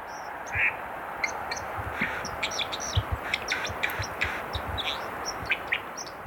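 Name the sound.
white-throated dipper call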